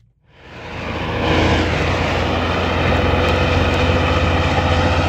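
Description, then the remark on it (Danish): The engine of a heavy truck loaded with gravel, driving through Østervrå, rumbles up from silence within a second and holds a loud, steady drone with a deep low hum and broad roaring noise, no voices. “Ja, så skruer vi altså lige op for motorstøjen, fordi hver dag der kører mange lastbiler fyldt med grus igennem Østervrå på en vej, hvor skoler og børnehavebørn i byen også færdes hver dag.”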